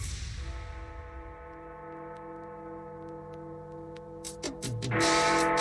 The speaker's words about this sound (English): The clock strikes 12 on Friday the 24th of July.